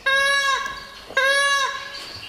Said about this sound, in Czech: To, co slyšíte, to není mňoukání kočky, ale pláče nám tady panenka z kočárku. Nacházíme se ve vlastivědném muzeu v Jesenici, ve výstavním sále, kde se konají pravidelné výstavy.